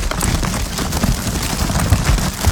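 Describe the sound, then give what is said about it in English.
An empty, squishy plastic hand sanitizer gel bottle from the COVID period being squeezed, giving a steady run of crackling, crinkly plastic noise with rough low thumps and no speech. “It's an empty gel.”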